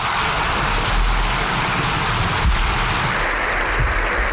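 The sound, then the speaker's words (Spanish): Dense, steady applause from a large assembly in the Congreso de los Diputados, many hands clapping at once into an even, hissing roar that holds at the same loudness for several seconds without any voices. “Son aplausos que hemos recogido del Congreso de los Diputados”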